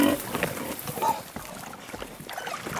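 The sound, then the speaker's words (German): Porc Negre pigs, kept outdoors where they spend nearly their whole lives, grunt and snort in a busy cluster of short, rough calls, with a couple of higher squeals early on, over a steady outdoor background hiss. No one speaks. “Seine Schweine verbringen hier draußen nahezu ihr ganzes Leben.”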